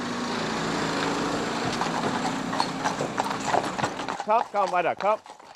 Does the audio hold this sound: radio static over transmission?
no